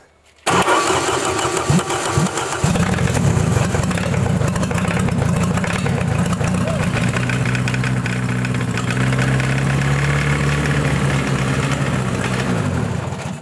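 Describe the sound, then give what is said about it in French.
An engine is cranked by its starter for a couple of seconds, then catches and keeps running roughly instead of at a stable speed, its loud, low hum wavering unevenly with sharp pops and sputters throughout. “Il démarre, mais il tourne pas bien.”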